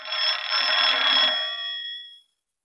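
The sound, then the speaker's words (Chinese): An old-style telephone bell rings in one loud, continuous metallic burst of about two seconds, its rattling tone fading out cleanly at the end, with no voices; it is a call for the regiment commander. “哎，啊，团长电话。”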